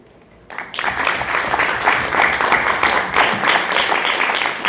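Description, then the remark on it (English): Applause from an audience starts suddenly after a brief quiet moment, then continues as a dense, steady patter of many hands clapping at an even, fairly loud level. “I hope you have the clap.”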